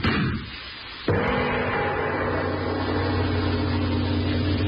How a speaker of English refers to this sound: For a moment, Victor, the explosion from the pistol in your hand and the sight of the lifeless form before you throws you to the spot on which you stood.